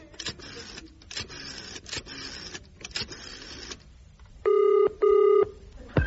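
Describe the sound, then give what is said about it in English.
A telephone rings twice in two steady, buzzing tonal bursts. Just before, a rhythmic mechanical clattering plays for several seconds. No one speaks. “I'll have to ring my superiors.”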